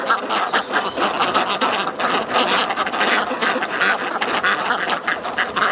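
A flock of ducks waddling home as evening falls, quacking loudly and continuously, their overlapping calls forming a dense, noisy chatter, with no talking.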